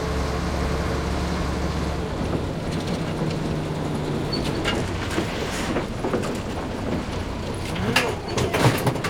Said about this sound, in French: Mais où ce camion va-t-il m'emmener maintenant ? Courage, Milou! Dès que le camion ralentira, je sauterai!